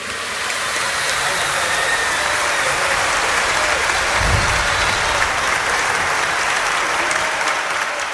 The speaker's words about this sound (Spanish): Un voto de aplausos para ustedes mismos, que se lo merecen.